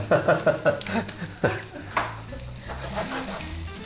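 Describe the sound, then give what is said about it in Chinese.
Food sizzles steadily in a frying pan, a broad hiss running throughout, with a quick series of sharp utensil clicks and scrapes early on, then a few louder clanks. “对，煎的差不多了，我们就调味，简单的盐巴、黑胡椒。”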